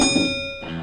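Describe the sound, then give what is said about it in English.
A bell, rung for a quiz winner, rings once, and its bright, steady tone hangs on for the whole short moment, clear, with no voices. “Here is your bell.”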